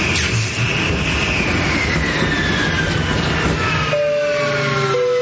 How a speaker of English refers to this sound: And this is your captain speaking again. As you can see, we're experiencing engine failure. Looks like we're not going to get this bird off the ground tonight.